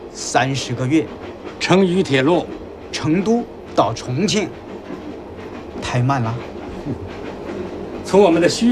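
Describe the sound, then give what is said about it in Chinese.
A train on the Longhai Railway rumbles steadily along the tracks with a continuous clatter, while people talk over the noise throughout. “2年半就可以通车，和我们现在坐的陇海铁路一样。”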